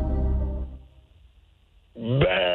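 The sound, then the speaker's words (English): A person voices a harsh, bleating imitation of an angry goat: a low, gravelly sound first, then after a short pause a louder, strained, quavering bleat. “What sound does a goat that is mad makes?”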